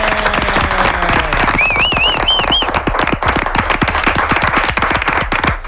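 Steady studio applause, dense crackling claps filling the whole stretch at an even loudness, with a brief warbling whistle rising above it early on.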